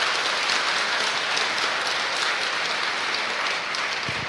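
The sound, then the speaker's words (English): A crowd at a VCY rally in an auditorium claps steadily for several seconds for a radio audience listening across the network, a dense, even patter of many hands with no voices over it. “We have a radio audience with us tonight joining us across the network, so let's give them a round of applause so they know somebody's in the auditorium here.”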